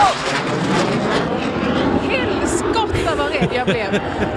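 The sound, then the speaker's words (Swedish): A loud, steady roar of an airplane flying high overhead, above a large, cheerful, bustling crowd with babbling voices throughout. “Alltså, där kom, ja, där kom något slags flygplan farandes i luften.”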